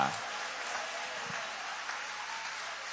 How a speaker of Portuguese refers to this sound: Toma o vosso assento, guarda a Bíblia com carinho e podem aplaudir o nome de Jesus. Pode aplaudir com mais alegria.